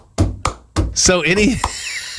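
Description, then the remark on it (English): A voice imitates the stomp-clap percussion of a song: three sharp, punchy beats in quick succession, then a short voiced, wavering syllable and one more crisp hit. “Or, you know, I would go so far as to say as the song we just heard, where it's got the basically the stomp and clap going on in the background with the percussion going like.”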